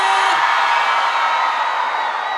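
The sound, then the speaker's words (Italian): A large crowd in Emilia Romagna, Italy, roars and cheers together on a count of three in one loud, sustained burst of shouting that fills the whole moment without letting up, with no single voice standing out. “Tra l'altro, mi dicono sempre che il pubblico dell'Emilia Romagna, a parte, è uno dei pubblici più carichi, quindi fatemi sentire un urlo al mio 3.”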